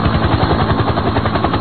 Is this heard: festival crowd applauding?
no